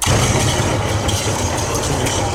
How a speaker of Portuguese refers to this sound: Mas isso, o céu está limpo, não é um bocado estranho neste barulho dos trovões? Opa, é para dar mais intensidade, mais ênfase à intensidade dramática.